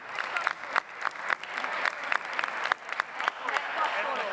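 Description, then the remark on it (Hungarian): Sustained applause from a large group in the Hungarian parliament chamber, a dense, steady patter of clapping with a few sharper individual claps and some faint voices mixed in. The Prime Minister is applauding. “Miniszterelnök úr, 5 perce beszélt emberséges Magyarországról és tiszteletről, és most először akkor tapsol, amikor az a mondat Unger Annától elhangzik, hogy a Fidesz-KDNP képviselők csak társadalmi megvetés.”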